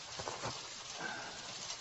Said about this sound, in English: I can't believe I didn't think about the likelihood there'd be rain.